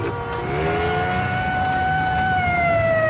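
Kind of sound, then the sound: signal or alarm, police sirens wailing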